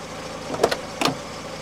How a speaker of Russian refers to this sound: мой приятель Майк заметил меня и подъехал ко мне на своей машине